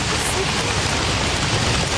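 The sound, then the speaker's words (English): Dense, continuous patter of many hands slapping thighs, imitating heavy rain in a body-percussion rainstorm, loud with a steady wash of noise and no talking. “That's heavy rain.”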